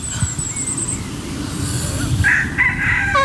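A rooster crows once toward the end, a strained, wavering call rising over a steady low rumble of outdoor background noise, during a yoga session held among chickens.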